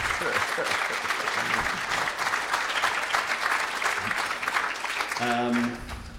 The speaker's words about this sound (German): Euer Applaus. Toller Film. Dankeschön. Vielen Dank.